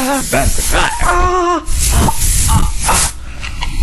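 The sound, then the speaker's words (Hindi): Short hissing bursts from a can of pain relief spray, several quick pumps, mixed with a person talking over them at the start. “हाँ ये ले मेरे दोस्त, ये स्प्रे लगा।”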